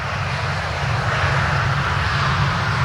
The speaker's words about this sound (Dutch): Ik hoor een vliegtuig.